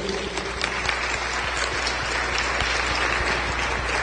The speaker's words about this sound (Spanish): Dice aquí la palabra Génesis en el capítulo 3, escúchenla y denle el aplauso al Señor, bendito sea Dios.